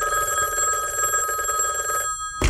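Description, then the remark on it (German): A telephone rings with a loud, shrill, rapidly trilling tone for about two seconds, then falls silent, followed by a brief clunk at the end. No voices are heard. “Nimm du doch den Hörer ab, wenn dich das interessiert!”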